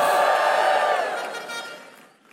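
An audience lets out a loud burst of joyful shouting to the Lord at the pastor's call, many voices overlapping at once, then the cheer gradually fades away over a couple of seconds.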